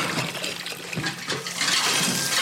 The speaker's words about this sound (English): More water. This time, cold water, into which the tofu is placed to finish the setting process.